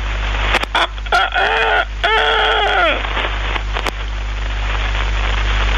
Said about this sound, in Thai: มาได้ยินเสียงไก่ขัน